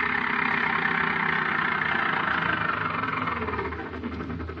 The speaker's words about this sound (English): A car is approaching her.